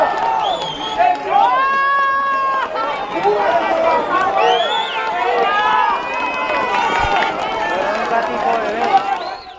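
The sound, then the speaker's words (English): A crowd cheers and shouts as a tiny kitten is pulled from the rubble of a collapsed building in Pereira on Tuesday, many overlapping voices calling out at once in a loud, steady roar of excitement with high yells rising above it throughout. “This tiny kitten was pulled from the rubble of a collapsed building in Pereira on Tuesday during a lot of cheers from the crowds.”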